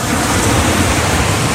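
A steady, loud wash of surf at the beach of Playa Bajo Alto fills the whole stretch, a dense hiss of breaking ocean water with a low rumble beneath, continuous, with no voices.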